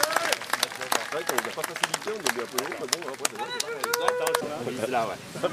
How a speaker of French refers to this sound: Allez, donc il y a deux jeunes volontaires de la commune qui sont là, qui vont se tester au passe-partout. Oh, vous êtes jeunes les gars. Attends. Ouais, il faut les applaudir, hein, ils ont besoin d'encouragement.